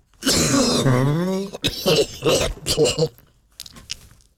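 A person imitates a deep, guttural cough: a drawn-out, rasping throaty groan followed by a cluster of rough, hacking bursts, then a few fainter breathy rasps.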